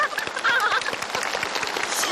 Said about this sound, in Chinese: 大家都在给你鼓掌